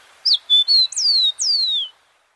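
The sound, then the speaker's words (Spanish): A rufous-collared sparrow (copetón común) sings a short, clear song: a few sweet introductory notes followed by two longer descending whistled slurs, fairly loud against a quiet background; a recording from the Banco de Sonidos de Aves Colombianas, compiled by the Instituto von Humboldt and Cornell University. “El trino del copetón común forma parte del Banco de Sonidos de Aves Colombianas, recopilado por el Instituto von Humboldt y la Universidad de Cornell.”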